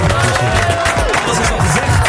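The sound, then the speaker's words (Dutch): Loud, steady applause from a crowd for a performer at the Phonics Talent semi-final, a dense wash of clapping that holds at full volume for about two seconds, with cheering voices mixed in. “Ga je gewoon nog een applaus geven?”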